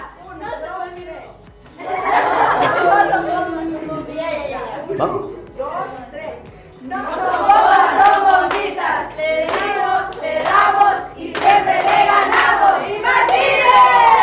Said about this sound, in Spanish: Un fuerte aplauso para Imbatible.